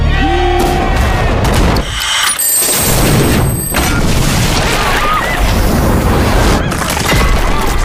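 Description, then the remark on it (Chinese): A septic tank, set off by two bumbling thieves in a film scene, explodes with a loud blast, followed by a sustained roar of spraying debris and crackling for several seconds, with no one speaking. The blast was staged with Northeastern soybean paste mixed with steamed buns and waste paper. “不过命运的齿轮开始转动，两个笨贼引爆化粪池，乔装抢劫金店。”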